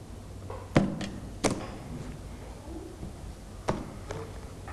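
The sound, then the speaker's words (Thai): Wooden toy blocks clack into a basket as a child sorts toys for the teacher, about five sharp knocks at irregular intervals, a couple close together, over a quiet background with no talking. “นำไม้บล็อกมาใส่ตะกร้าใบนี้ให้คุณครูเลยลูก”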